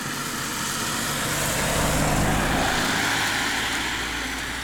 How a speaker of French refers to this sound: Ouais, même la voiture qui passe, puisqu'on est sur la route du col de Palière. D'ailleurs, il va se demander ce qu'on fait.